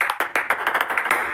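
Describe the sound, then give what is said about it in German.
Quick, bright clicks of a table tennis ball bouncing in an uneven run of short and slightly longer gaps, tapping out Morse code, fairly loud with no voices. “Dann interessieren Sie sich entweder für Morse-Tischtennis oder es liegt daran.”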